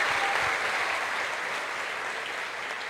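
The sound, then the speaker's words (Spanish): Steady audience applause for a group of children, a dense wash of many hands clapping at an even, sustained level for the full stretch, easing off only slightly toward the end, with no voices rising above it. “Un aplauso para ellos.”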